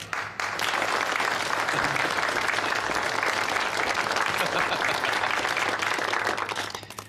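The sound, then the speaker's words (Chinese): Sustained applause from an audience at a signing ceremony between Mo Group and the Japanese Global Company, welcoming the company's president, Mr. Hirota; a dense, steady wash of many hands clapping at once that holds at full strength before tapering slightly at the end. “现在，让我们以热烈的掌声，有请日本环球会社的社长广田先生。”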